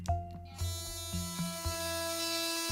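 A steady electric toothbrush buzz drones on in clean mode during a test of the toothbrush, with a sharp start and faint rhythmic pulses every fraction of a second. There's no talking.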